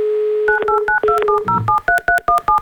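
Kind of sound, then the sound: signal or alarm, telephone number being dialed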